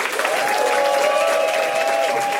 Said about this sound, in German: Dann nochmal ein großer Applaus an alle Comedians.